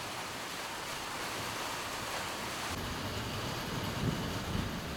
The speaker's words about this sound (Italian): Il cielo è diventato grigio, un temporale in arrivo. Nel giardino dell'ashram le foglie sono lucide, mosse dal vento.